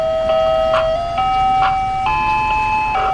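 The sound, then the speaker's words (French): An ice cream truck in Detroit plays its jingle, a simple, steady electronic melody of sustained tones that step up in pitch, with light rhythmic chimes over faint background hum. No one speaks. “Peu importe le quartier où vous êtes, à partir de 5h de l'après-midi et jusqu'à 8h, vous entendrez ce petit camion à glace qui est souvent assez vétuste”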